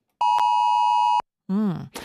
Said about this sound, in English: the AusAlert alarm that sounded yesterday. You probably got it, I'm assuming, around 1:30 yesterday. Your phone would have made a noise that sounded a little bit like this.